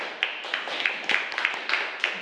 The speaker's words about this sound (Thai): ค่ะขอเสียงปรบมือให้กับกลุ่มที่5ด้วยค่ะ